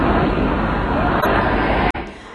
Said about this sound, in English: Well, we can hear there more mourners fill the city of Mashhad for the last several days of funeral proceedings. Crowds shouted slogans against any compromise with the US and denounced the American and Israeli leaders.